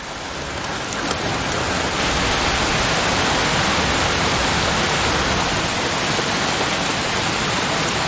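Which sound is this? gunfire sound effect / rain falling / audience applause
rain falling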